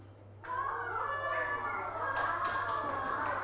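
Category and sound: crowd, children clapping hands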